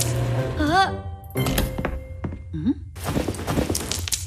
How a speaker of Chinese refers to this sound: 啊，这洗衣机噪音怎么这么大？不会是出故障了吧？听起来里面好像有什么硬东西。